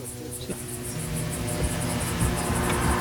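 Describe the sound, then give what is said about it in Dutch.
A steady, droning hum of a drone in the sky over southern Lebanon, a few hundred meters from the Israeli army, continuous throughout with a faint rhythmic pulsing high above, moderately loud. “De drone in de lucht.”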